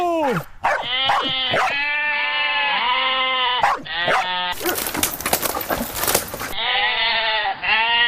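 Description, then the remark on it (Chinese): A flock of goats, held back by a herding dog named Jiji, bleats loudly and continuously, many wavering cries overlapping, with a brief burst of rough rustling noise midway before the bleating resumes. “你看，我们现在一只狗站在这儿，一群羊在我面前，他们根本就不敢过来。”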